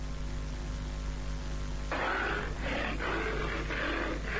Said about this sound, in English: As the roar of a lion reverberates across the animal kingdom, so does the news in the network service of Radio Nigeria reach all the nooks and crannies of Nigeria and beyond.